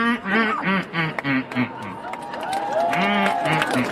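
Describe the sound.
A person imitates a mallard with a rapid series of loud, nasal quacks that descend in pitch, followed by a crowd chattering and cheering.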